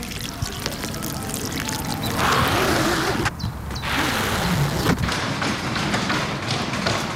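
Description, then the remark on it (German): A parasol being opened: rustling, scraping and a few soft thuds and taps, with a zip-like rasp in the middle, over a steady wash of background noise. “Ja, doch, ist es aber nicht. Es ist ein Sonnenschirm.”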